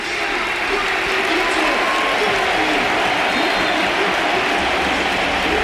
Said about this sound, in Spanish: Se marcha efectivamente Martín Zubimendi, titular con la selección casi un año después, y va a entrar el Balón de Oro del Mundial, otro de los candidatos al Balón de Oro esta temporada, Rodri. Ovación para los dos.